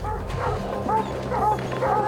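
Several hunting dogs bark and yip in quick bursts, mixed with whiny, high-pitched whimpers, during a mountain lion hunt in the Tobacco Root Mountains, well off the scent trail, fairly loud against a steady low background rumble.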